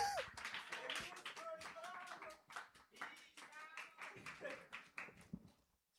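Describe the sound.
A crowd breaks into applause, a dense patter of hand claps with a few whoops and voices mixed in, lasting several seconds before thinning out and fading at the end.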